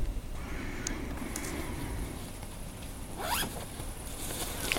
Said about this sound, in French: Coucou les auditeuristes de Radio Campus, pour ce début de juillet, j'ai voulu enfin faire mon premier bivouac dans la forêt de l'année et vous écouter en arrière-plan le bruit de moi qui installe mon campement.